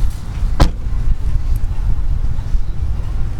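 A single sharp car door thunk lands early as someone gets out of a car parked outside a grocery store, over steady low wind rumble and outdoor background noise, with no voices.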